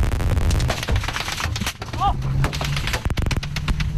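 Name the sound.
gunfire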